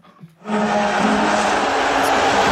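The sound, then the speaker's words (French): After a brief quiet moment, the Madison Square Garden crowd at Game 3 of the NBA Finals between the New York Knicks and San Antonio Spurs erupts into loud, sustained booing of US President Donald Trump, mixed with shrill whistles, a dense continuous roar that holds steady to the end. “C'est le président américain qui a été sifflé au Madison Square Garden.”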